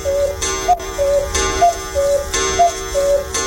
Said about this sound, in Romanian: V-am adus la reparat ceasornicul ăsta. Dar ce are? N-a rezistat timpului.